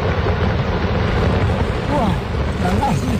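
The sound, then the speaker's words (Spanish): A steady, rumbling roar of rockfall on the normal route up Mont Blanc, Europe's highest summit, caused by high temperatures and drought: a dense wash of grinding noise that holds at an even loudness with no clear separate impacts, and a faint murmur of voices beneath it. “Desprendimientos de roca constantes en la ruta normal a la cima más alta de Europa.”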